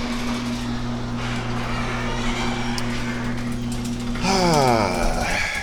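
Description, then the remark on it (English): A motorized garage door opens onto rainy weather, humming steadily with a low mechanical drone, then rising in pitch and clattering louder near the end as it finishes moving. No one speaks. “The current time is 1930 UTC, and that means it's time to begin another thrilling episode of Opening the Garage Door.”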